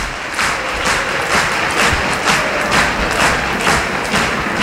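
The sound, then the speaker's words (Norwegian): A large stadium crowd at Aker Stadion stands and applauds steadily near the end of a football match. A dense continuous wash of clapping surges rhythmically roughly twice a second, loud throughout, with a low rumble of crowd noise underneath. “Publikum har reise på Aker stadion. Og står og klapper, og det bra.”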